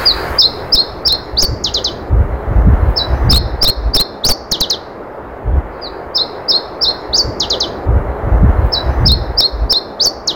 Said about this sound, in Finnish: Täältä kuulostaa Iberian tiltaltti. Lintu on rengastettu ja siitä on otettu DNA-näyte tarkempaa lajimääritystä varten.